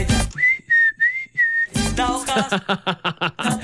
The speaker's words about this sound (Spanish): Ya no se sabe quién silba, si el pollo o la canción.